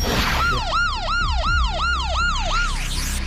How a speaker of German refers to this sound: Ja, das hört sich auf jeden Fall nach einer Sirene an, ne? Das klingt nach einer Sirene.